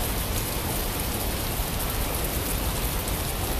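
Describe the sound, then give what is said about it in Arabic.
Steady, dense rainfall pours down without pause, a loud continuous hiss of countless drops, with no voices or other sounds. “وما إن انتهى عليه الصلاة والسلام من صلاته حتى تخلل ماء المطر أقدام الصحابة وهم عائدون إلى منازلهم.”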